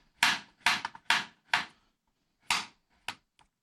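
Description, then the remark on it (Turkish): A knife slices halved food thinly into half-moon pieces on a cutting board with about seven sharp, crisp knocks, a quick run of four, a short pause, then a few more, the last one faint. No one speaks. “Bunları böyle yarım ay şeklinde doğrayacağız.”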